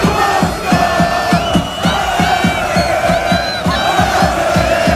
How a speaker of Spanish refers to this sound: Recibían ayer a Cristiano Ronaldo. Y así gritaba la afición croata.